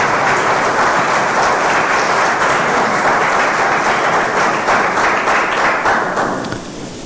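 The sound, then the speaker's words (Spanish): Loud, sustained applause from a church audience clapping for God, a dense wash of many hands clapping at once for about seven seconds before it starts to taper off at the end. No one speaks over it. “Dale un fuerte aplauso a Dios si crees que ese milagro va a llegar.”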